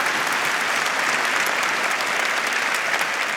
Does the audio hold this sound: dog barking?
no